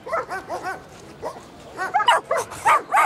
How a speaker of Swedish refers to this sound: Invigningen kom och det gjorde även 40 glada och lekfulla hundar.